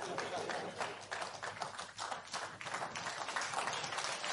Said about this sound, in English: That's pattern. That is the kind of thing you should be clapping for.